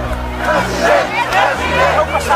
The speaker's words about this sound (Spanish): Fue recibido así, a gritos de president, president. Pero esos gritos eran en 2024.